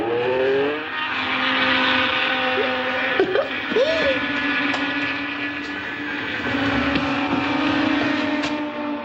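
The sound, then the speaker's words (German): Race car engines in a televised motorsport broadcast roar continuously and loudly, their pitch rising and dipping as cars whine past, with a steady high-revving drone throughout and no voices. “Zum Dröhnen der Rennwagen eilt sie durch die Wohnung und kommt mit einem Handtuch bekleidet aus dem Bad.”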